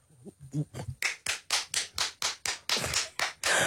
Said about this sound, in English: That one lonely clap from your mother in the audience. I'm the parent at your prize giving.